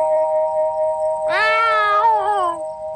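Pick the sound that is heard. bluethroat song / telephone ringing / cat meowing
cat meowing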